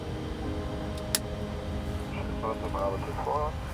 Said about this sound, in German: Okay, wir lassen an. Engine number one start. Engine number two start.